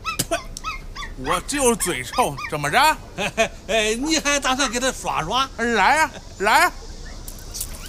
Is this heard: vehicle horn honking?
no